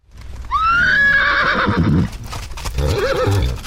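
A horse neighs loudly, a long wavering whinny followed by a second shorter, fluttering call, with hooves clip-clopping faintly underneath. No one speaks.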